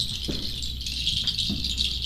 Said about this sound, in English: The voice of birds.